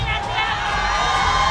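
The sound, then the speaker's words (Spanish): An audience at a live radio recording shouts and cheers together, a dense, sustained roar of many voices that stays loud for the whole moment. “Grite, estamos en radio, vivo, vivo.”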